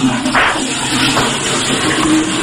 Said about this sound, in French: Voilà, je m'enferme, je tire la chasse.